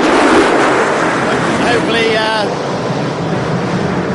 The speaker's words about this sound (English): That was the secondary flyover.